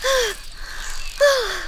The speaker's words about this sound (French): La libellule s'arrête sur une feuille. Elle est sous le choc et essoufflée.